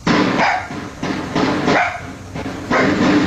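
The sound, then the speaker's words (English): A neighbor's dogs bark repeatedly in loud, overlapping bursts about every half second, captured outdoors by a security camera in Pikesville, Baltimore County, on the night of a double shooting, on a noisy, slightly distorted recording with no one talking. “A security camera captured the sounds that sent a neighbor's dogs running.”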